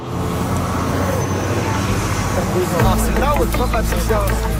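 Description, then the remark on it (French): A city bus idles with a low, steady engine rumble while a crowd of young students chatters, blending into a busy street hubbub as the students get off the bus. “On a la masse d'étudiants qui sortent du bus de ville.”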